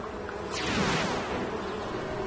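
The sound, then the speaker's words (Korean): A dense, wavering buzz of a mosquito swarm fills the whole moment, steady, with a whooshing sweep near the start as the swarm shifts while Dr. Leo orders it to form a left arrow. “자, 나의 귀여운 모기들아, 왼쪽 화살표를 만들어.”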